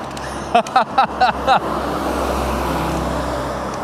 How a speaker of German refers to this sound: Da fährt ein Bus.